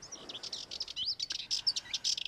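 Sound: sardinian warbler song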